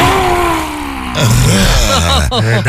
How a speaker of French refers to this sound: On va inspirer par le nez et expirer fortement et dynamiquement par la bouche, en tirant la langue. Comme ça, bah... Une dernière fois. On rugit.